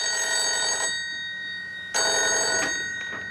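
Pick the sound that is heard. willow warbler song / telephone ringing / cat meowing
telephone ringing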